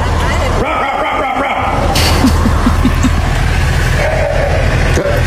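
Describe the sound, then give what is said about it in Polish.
A frog in a storm drain gives a quick run of five or six short, bark-like calls that sound like a dog barking, mid-pitched and evenly spaced, over a steady rumble of road traffic. “I to odszczeknięcie to nie był piesek, tylko to właśnie była żaba, więc ja na początku myślałam, że to są jakieś jaja, ale okazuje się, że nie.”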